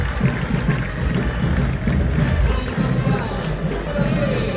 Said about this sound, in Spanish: Ahí va Rigoni. Los aplausos para Rigoni.